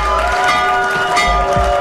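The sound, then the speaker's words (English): The Wall Street stock exchange opening bell, normally rung at the New York Stock Exchange, rings loudly and continuously with a steady metallic tone, while a crowd cheers and applauds underneath throughout. “That's the Wall Street opening bell.”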